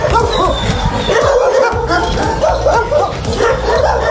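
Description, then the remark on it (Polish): Many dogs at the Paluch animal shelter in Warsaw, Poland, waiting for adoption, bark and yap at once in a loud, continuous chorus, with overlapping barks and occasional whines. “Już w niedzielę w Parku Agrykola pojawią się podopieczni schroniska na Paluchu, a to świetna okazja, by poznać psy czekające na adopcję.”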